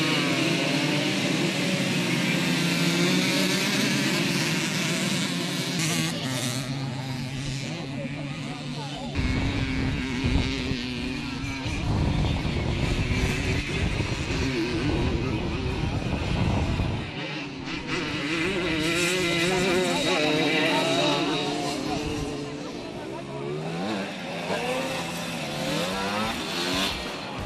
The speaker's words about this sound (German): Und eine Simson-Klasse gehört im Erzgebirge einfach dazu. Die Simson-Klasse brachte die bekannten Zweitakter auf das Stoppelfeld, was nicht nur für den typischen Sound, sondern auch bei vielen Zuschauern für Erinnerungen an vergangene Zeit sorgte.